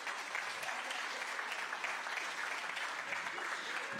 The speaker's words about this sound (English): What a family you have that children come and they love so much they continue coming. Let's give them a clap. Let's give them a clap.